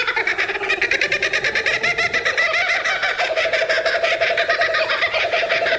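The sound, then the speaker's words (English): A loud, raucous kookaburra call: rapid, rhythmic cackling laughter that rolls on without a break for several seconds, bright, with no talking. “Is there a more distinctive sound than the kookaburra?”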